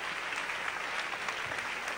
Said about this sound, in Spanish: Denle un aplauso más fuerte a Dios, vamos. Vamos, más fuerte, vamos. Más fuerte, más fuerte.